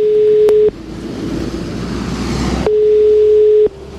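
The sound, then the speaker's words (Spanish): A telephone ringback tone while calling the director general of Cleaning and Waste Services of Madrid City Council: two steady, medium-pitched electronic beeps separated by a pause filled with hissy line noise, clear, with a faint click at the start and end of each tone. “Así que le llamamos por teléfono.”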